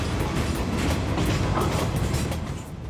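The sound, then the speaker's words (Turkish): A freight train heading north in Alaska, carrying oil pipes toward Anchorage, rumbles steadily along the rails, a dense, continuous low roar with faint rhythmic clacking of wheels, loud throughout with no voices. “Yük treni kuzeye doğru yol alıyor.”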